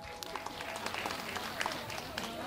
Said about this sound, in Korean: 네, 여러분 다시 한번 큰 박수 보내주시기 바랍니다.